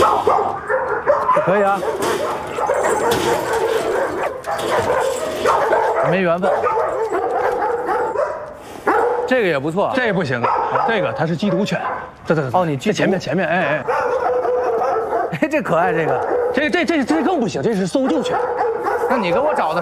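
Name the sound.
dogs barking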